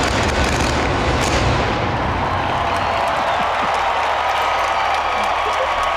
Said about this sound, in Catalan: Surten des de dins mateix, de la Sagrada Família. I aquest és el so... El joc pirotècnic. De la pirotècnica.